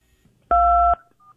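A single telephone keypad button press: one loud, steady two-pitched DTMF beep lasting about half a second, followed by a faint, brief tone in otherwise quiet surroundings.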